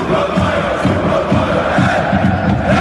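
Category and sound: crowd, stadium crowd cheering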